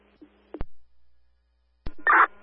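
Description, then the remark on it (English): A brief electronic telephone tone with sharp clicks as a phone handset is picked up to answer a call, followed by a short, bright burst of beeping tone near the end. “Answering phone.”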